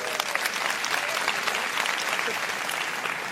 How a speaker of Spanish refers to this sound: Vente por acá, denle un buen aplauso a ellos.